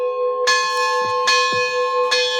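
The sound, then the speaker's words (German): Church bells in Lebanon ring out loudly with sustained, overlapping tones, fresh strikes landing roughly every second over a continuous resonant hum. No voices are heard. “Der Mönch Philimon wünscht sich, dass es wenigstens zu Pfingsten ruhig bleibt und ausschließlich der Klang der Glocken zu hören sein wird.”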